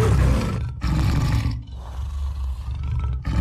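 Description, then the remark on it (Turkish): A tiger roars loudly, a deep rumbling growl in several long bursts separated by short breaths, with no voices present. “Kaplanların kendilerine özgü sesleri vardır. 3 kilometreden fazla mesafeden duyabildikleri kükreme sesinden birbirlerini tanıyabilir, ihtiyacı anlayabilirler.”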